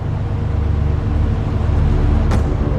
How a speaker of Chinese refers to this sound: 怎么绿灯还不走啊？堵车了吗？ 平时这条路也没堵啊，今天这是怎么了？